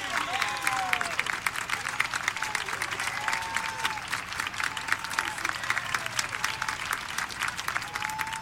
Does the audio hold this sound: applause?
yes